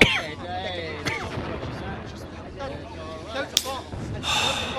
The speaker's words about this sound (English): I sit and listen to them. Like approaching thunder that will bring a refreshing spring shower. What is it? Bombs? The Allies? It is the Allies. It is the sound of hope.